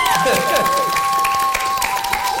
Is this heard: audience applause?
yes